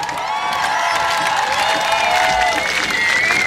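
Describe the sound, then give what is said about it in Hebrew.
A crowd applauds navy performers at a show, a dense wash of clapping mixed with cheering and a few high whistles held over it. The noise stays loud and even throughout, with no speech standing out. “אפשר ללוות אותם הרבה במחיאות כפיים.”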